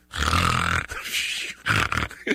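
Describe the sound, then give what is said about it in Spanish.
A voice imitates snoring: one long, raspy, rattling inhale followed by several shorter, breathy snorts, with a low throaty buzz under the rough noise. It is fairly loud, with no speech. “No es que yo ronque, nomás quiero hacer el ruido como que yo ronco.”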